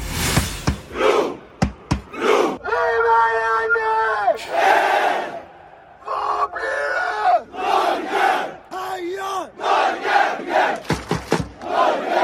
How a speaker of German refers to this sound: Und die norwegischen Fans, die haben eigentlich den Times Square da in New York komplett eingenommen, weil da klingt das so.